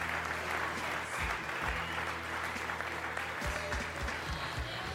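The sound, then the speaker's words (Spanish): Sustained applause from a large Christian audience, given as an offering to Christ Jesus, a dense, steady wash of clapping that holds at an even level throughout, with a low hum running underneath. “Una ofrenda de palmas a Shabbat y Cristo Jesús, hermanos.”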